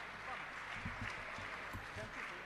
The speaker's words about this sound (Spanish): Así que un fuerte aplauso para ellos, por favor, que son un poco los artífices de estos tres días del Festival Cantar Opinando.